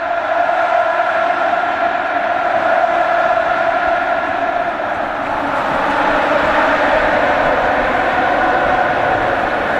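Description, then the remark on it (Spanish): A packed stadium crowd applauds and roars at the end of a Champions League run, with Joaquín applauding emotionally in the stands and people crying with emotion, a dense, continuous wash of sound, loud and steady from start to finish with no single voice standing out. “Y Joaquín, Joaquín, que está en la grada aplaudiendo, muy emocionado, así suena.”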